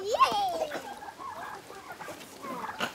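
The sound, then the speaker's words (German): Chickens cluck, starting with one loud, sharp squawk, then a scatter of softer, overlapping clucks and chatter over a few seconds. “kann endlich zu ihren Hühnern, aber nicht allein.”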